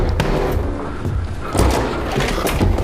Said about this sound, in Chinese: 开门， 开门，给他开门。 妈，你别动。 开门呢？ 你小心点啊！